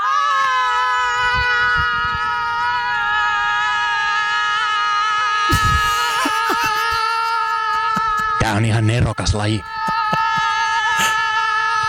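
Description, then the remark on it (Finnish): Two contestants in a studio shouting contest hold long, loud, unbroken shouts side by side for the whole stretch, voices steady and straining, while someone briefly speaks over them partway through. “Ja tämä huutokaanon alkaa.”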